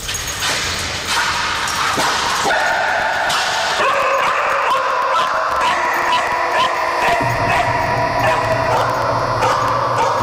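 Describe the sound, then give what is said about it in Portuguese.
A dog barks and yips repeatedly in short, sharp bursts, loud, over a steady background hum, with no one talking, as sniffer dogs examine the car rented by the McCanns after Maddie's disappearance. “Essa viatura é também agora sujeita ao trabalho dos cães.”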